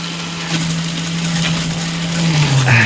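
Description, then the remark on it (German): A blender whirs loudly as it grinds ice, a steady motor drone over a dense, gritty crunching roar, with the motor pitch climbing slightly near the end. “Moment, noch ein bisschen Eis, so, schnell in die Mixer rein.”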